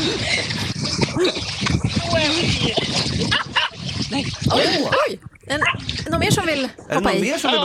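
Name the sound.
dog barking and whimpering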